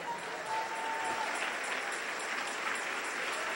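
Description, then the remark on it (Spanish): An audience breaks into steady, sustained applause for the King (God), a dense wash of many hands clapping at an even loudness throughout, with no voices standing out above it. “Denle un aplauso al Rey.”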